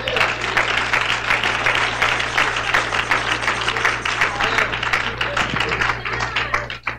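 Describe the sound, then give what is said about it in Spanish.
An audience claps steadily and loudly for about seven seconds, a dense wash of many hands with a low steady hum underneath, before the applause drops off abruptly at the end. “Si es para el Señor, déle ese aplauso.”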